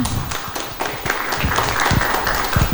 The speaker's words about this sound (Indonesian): Tepuk tangan untuk teman kita.